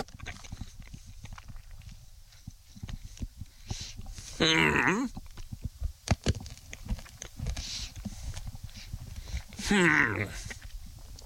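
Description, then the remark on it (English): Crunching as someone chews a Dr. Pepper-flavored hard candy, with irregular sharp cracks and smacking bites throughout, interrupted twice by short voiced murmurs of appreciation. “Well, you can only really taste it when you crunch it.”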